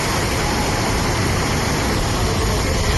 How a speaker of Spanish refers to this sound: Sí, y la furgoneta, ¿qué fuerza que la lleva? Es el agua discurriendo por las calles del municipio completamente anegadas. Se ven coches arrastrados y buena parte del pueblo ha quedado inundada.